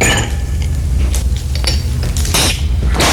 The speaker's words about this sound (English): But anyway, I'm pouring the wine.